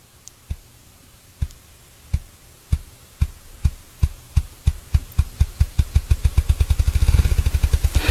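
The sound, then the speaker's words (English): A bird drums by beating its wings faster and faster: deep, hollow thumps start slow and evenly spaced, then speed up steadily into a rapid, blurred roll over about eight seconds, with no voices. “So if you heard that, it sounds kind of like a ping pong ball going faster and faster and faster and faster, and that's how they do it. They beat their wings faster, faster, faster.”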